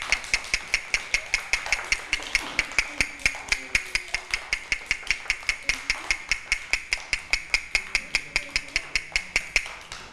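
A teacher knocks out a fast rhythm for children in a rhythm lesson: a steady series of sharp knocks or taps, about four or five per second, evenly spaced and bright, repeating throughout with no pauses. Faint background sounds sit under the clicks.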